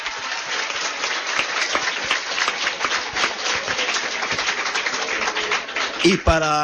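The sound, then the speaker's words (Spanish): A crowd at the IATESA technical school applauds steadily for about six seconds after the announcement of two new technical programs, a dense, even wash of many hands clapping, before a voice breaks in at the very end. “¡Un aplauso!”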